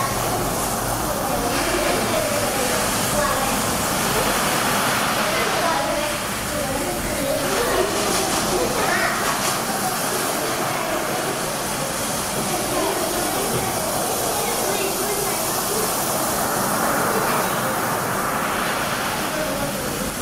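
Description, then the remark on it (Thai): Sea waves crash continuously in a loud, steady roar of surf that swells slightly now and then but never fades, filling the whole stretch with dense water noise. “เสียงนี้คือเสียง คล ื่ นทะเล คลื่นทะเลแล้วเสียงเป็นยังไงคะ เบา เสียงเป็นยังไง เส ีย ง ดังใช่ไหมคะเสียงดังนะคะแล้วก็มีเสียงอะไรอีกเสียงยาวใช่ไหมคะเราจะได้ยินคลื่นนะคะซัดตลอดเวลาเลยใช่ไหมคะเสียงก็จะเป็นยังไงเสียงยาวนั่นเองนะคะ”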